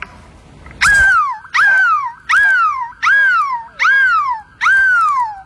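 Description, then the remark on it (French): A voice imitates a seagull at Place de la République in Lille, attempting the biggest seagull cry in the world: six loud, shrill cries in a steady rhythm, each jumping high and then sliding down in pitch, with short gaps between them. “Et aujourd'hui, le plus grand cri de mouette au monde va vous réveiller.”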